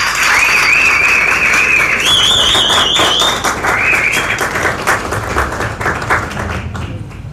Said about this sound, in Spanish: Fuerte el aplauso para él y escuchamos sus palabras.